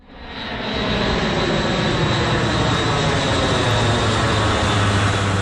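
A loud, steady roar of aircraft engines as planes fly over Tristan da Cunha, a British island in the South Atlantic, parachuting soldiers down to deliver medical supplies; it swells in over the first second, then drones on continuously overhead with a low humming tone beneath. No one speaks.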